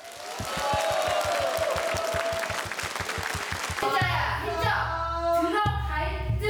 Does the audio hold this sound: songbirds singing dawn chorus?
no